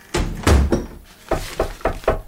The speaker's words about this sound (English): Oh, you nearly knocked me over then. You shut the door right in me face.